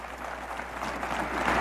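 A crowd claps steadily in a dense, continuous wash of applause that builds slightly louder toward the end, with no voices standing out.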